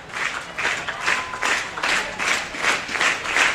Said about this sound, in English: Stomps back onto the pitching rubber as the crowd exhorts him on.